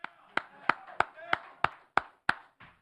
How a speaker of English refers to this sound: We clap for Jose. I know a lot of you guys can't because you're in the media and you got to be neutral. But I'm going to clap for Jose.